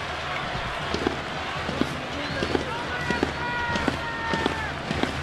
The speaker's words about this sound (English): Southpaw is banging on a drum with a hammer on the top of the third base dugout.